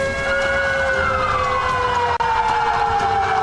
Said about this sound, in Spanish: Nos ubicamos en el frontis del edificio Víctor Raúl Haya de la Torre. Estamos escuchando ya las sirenas, lo que nos indica que este simulacro de sismo ya se ha iniciado aquí en el Congreso de la República del